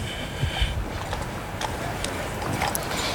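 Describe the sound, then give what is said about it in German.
Horse hooves clip-clop at a steady walking pace as a colonel rides back on his horse at a regiment's parade, with repeated sharp knocks spread across a few seconds over a constant background rumble. No one speaks. “Majestät gutiert diese Meldung und es geht zurück zum Oberst auf dem Pferd.”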